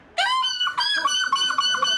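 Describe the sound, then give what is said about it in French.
A person imitates a seagull's cry with a loud, shrill, nasal call that starts abruptly and repeats in quick pulsing yelps, with no other sounds around it. It is the winning cry at the final of the European seagull-cry championship in La Panne, Belgium. “Et précisément à La Panne, près de la frontière, non loin de Dunkerque, la finale du championnat d'Europe du cri de. De cochon. Non, de la mouette.”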